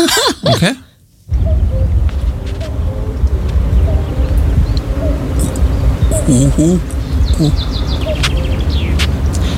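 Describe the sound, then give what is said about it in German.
A common cuckoo calls outdoors a few times, its two-note cry partly buried under a loud, steady wash of rustling background noise, with other faint bird sounds scattered around. “Genau, das ist ein Kuckuck”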